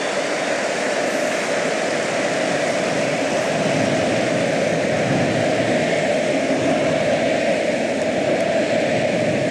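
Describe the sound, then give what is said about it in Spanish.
A stadium crowd roars in a sustained ovation, a loud, dense wall of cheering and applause that holds steady without a break and with no single voice standing out. “Ovación del estadio.”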